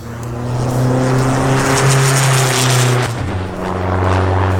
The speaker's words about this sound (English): Absolutely brilliant afternoon. That was a really, really good run. Every single run we are turning the wick up a little bit on the engines, accelerating the car a little bit harder.